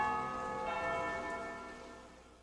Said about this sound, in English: When you hear the noon bells tolling, it's time for Angelus, brought to you by the Crusade Channel.